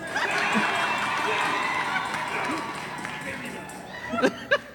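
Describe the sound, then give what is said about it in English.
A large crowd roars and cheers in a steady, dense wash of many voices, holding at an even level before two sharper, louder shouts break out near the end. “All right, so I listened to the crowd.”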